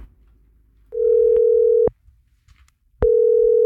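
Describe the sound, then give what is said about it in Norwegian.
A telephone ringback tone on an outgoing call from the radio station Gjerradioen to one of the school classes registered for its contest: a steady electronic tone sounds for about a second, pauses for about a second, then starts again, clear with no talking. “Og det det mange som Rogvi, han heiv seg på telefonen til en av de andre påmeldingene I dag morges.”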